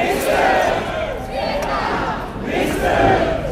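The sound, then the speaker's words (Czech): A large crowd of about 1,500 fans cheers and chants in unison at Jakubské náměstí in Brno, welcoming Alexandr Šupenič as he celebrates his first world championship gold medal, a dense, loud wall of voices that swells and surges, with applause mixed into the roar throughout. “Alexandra Šupeniče na oslavách na Jakubském náměstí přivítali nadšené pokřiky a potlesk.”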